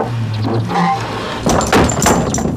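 A heavy door swings and shuts with a couple of solid thuds and rattles partway through, following a low, steady hum.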